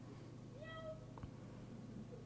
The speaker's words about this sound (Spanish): Ahí escuché un miau.